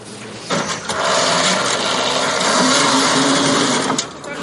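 The engine of the Termit 2.0, an unmanned ground robot vehicle used for logistics and evacuation missions and carrying up to 350 kilograms, starts up with a steady, high-pitched mechanical whine and buzz, holding fairly loud and even for several seconds before cutting off near the end.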